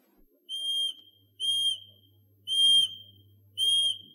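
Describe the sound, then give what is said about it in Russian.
Someone blows four short, steady, high-pitched whistle notes to call a wild bird called Ryabok near a birch grove, each about half a second long and evenly spaced with brief pauses, clear and fairly loud with no talking. “Я сейчас подзову Рябка, а вы полюбуйтесь.”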